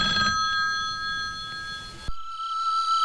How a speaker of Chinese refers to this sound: 老家来电话了，你来接一下。